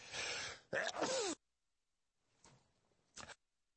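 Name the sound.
sneezing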